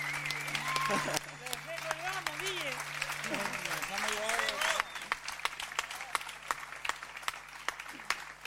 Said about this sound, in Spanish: Fuerte ese aplauso para los pibes, los vientos acá, por favor.